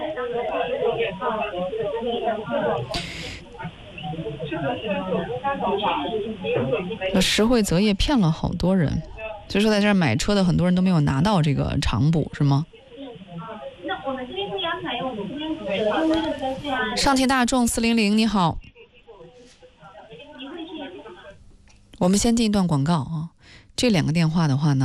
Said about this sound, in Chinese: 那边是上汽大众400非常嘈杂的这个服务音啊，应该都是人工服务的这个大厅里头。